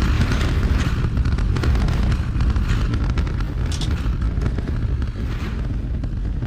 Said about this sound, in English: Booster Raptor, chamber pressure is nominal. Seconds into flight, 33 out of 33 Raptor engines lit on the Super Heavy booster arcing away from us here at Starbase.